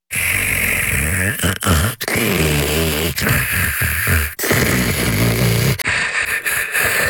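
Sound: loud snoring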